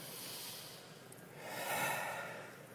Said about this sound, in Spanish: Y ese nervio se puede activar con la respiración, una respiración parecida a esta.